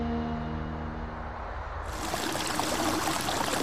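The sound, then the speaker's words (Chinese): Water rushes steadily in a stream under a small bridge in Songzhuang Village, Songyang County, China, a full, continuous hiss and burble that swells in about halfway through, replacing a softer, muffled tonal background. “离水松阳县松庄村，泥墙青瓦，小桥流水，原始古朴。”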